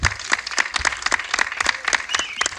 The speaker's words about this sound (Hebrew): לפני הכל בואו נזמין אל הבמה לדברי ברכה לתושבי העיר ולמאזינים שלנו את סגן ראש העיר, הרב אלדד גדס. ייתנו לו כפיים, בבקשה.